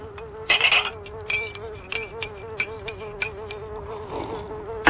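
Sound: bee buzzing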